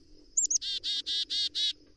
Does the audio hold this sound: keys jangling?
no